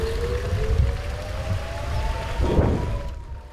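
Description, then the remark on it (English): An air raid siren from a neighboring kibbutz near Rosh Hanikra wails in a long, slowly rising tone, steady and drawn out, over a rumbling, noisy outdoor background with no one speaking. “Shortly before we leave Rosh Hanikra, the sound of an air raid siren from a neighboring kibbutz shatters the silence.”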